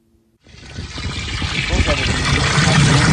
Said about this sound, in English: He fills up 5 gallon buckets of water at the Village of Ambler's water treatment plant and hauls them home for his family of 9.